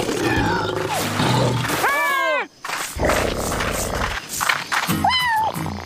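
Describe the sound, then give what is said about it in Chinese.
A tiger roars twice, a long rising-and-falling roar followed later by a shorter one, loud over a dense, rumbling background. “我想老虎是在说谢谢吧。”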